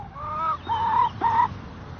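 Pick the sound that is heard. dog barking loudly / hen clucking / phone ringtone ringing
hen clucking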